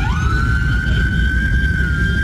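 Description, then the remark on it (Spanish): A police siren wails loudly, its tone rising at the start then holding a long steady pitch over a heavy rumble of street traffic, as police come to reopen traffic that had been closed for a teachers' protest. “Bueno, ustedes están escuchando algunas sirenas y mira, está la policía que viene a abrir el tráfico.”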